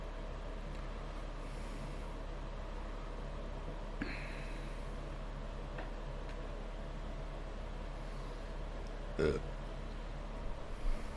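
A low, rumbling burp drags on for several seconds over a steady background hum, with a brief sharper burst near the end.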